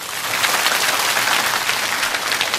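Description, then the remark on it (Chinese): A class of students claps for themselves after reading a poem aloud well on the first try, a steady, dense burst of applause lasting a few seconds, fairly loud and even throughout, with no talking over it. “据我所知，咱们班相当多的同学是第一次读这首诗，第一遍就能读得这么好，掌声送给自己。”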